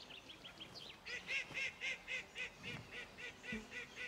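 bird, ducks calling

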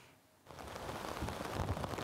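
nature, hailstorm

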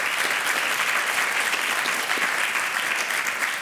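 crowd, applause

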